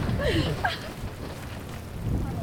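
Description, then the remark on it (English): A deep, steady rumble of thunder rolls on through a rainstorm with lightning in the Picos de Europa mountains, swelling slightly at the end, with a faint hiss of rain and a few brief vocal sounds early on. “This rainstorm with lightning and thunder can.”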